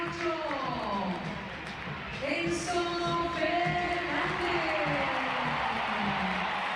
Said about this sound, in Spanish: Está en River, muy aplaudido Enzo.